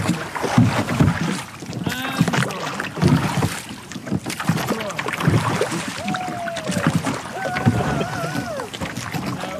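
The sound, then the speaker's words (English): Oars of a skiff dip and pull through the water of Loch Tay in a steady rhythm, each stroke a splashy surge, with occasional squeaky creaks from the rowlocks and light wind buffeting. “So I met up with Loch Tay Skiff Club, and they were kind enough to let me out on the boat where they're out for a row.”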